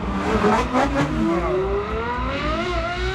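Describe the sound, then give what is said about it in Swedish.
A powerful Ferrari sports car engine, a V8 or V12, revs hard, its pitch climbing steadily through the gears in a loud, continuous roar, with no voices. “Ja, men dels är det de kraftfulla motorerna såsom V8, V12-motorer, ljudet ifrån dem.”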